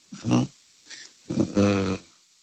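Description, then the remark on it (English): Two harsh, buzzing dolphin squawks, a short one followed by a longer drawn-out call, fairly loud with no talking over them. “Dolphin is correct, Miko. It is a dolphin.”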